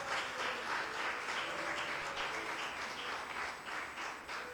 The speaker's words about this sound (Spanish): Un aplauso a Cristo, hermano.